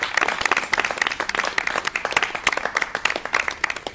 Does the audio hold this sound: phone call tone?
no